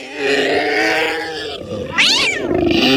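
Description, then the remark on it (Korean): Several cats yowl and caterwaul loudly as they leap onto a monster, clinging to its face, neck and eyes and biting; their harsh, overlapping cries run continuously, with one sharp rising-and-falling screech breaking out near the end. “고양이들은 괴수의 얼굴, 목, 눈에 달라붙어 핥히고 깨물기 시작했다.”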